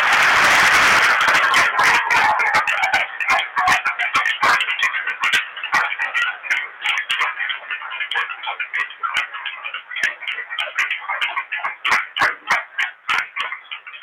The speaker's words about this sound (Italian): Se vogliamo dargli il benvenuto, facciamo un applauso.